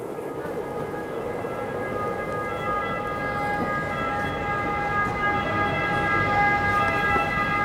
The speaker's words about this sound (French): Alors, nous sommes au centre de Rome, dans cette place du Largo Torre Argentina, où il y a un bruit terrible, des bus, des ambulances, des taxis et même des perruches.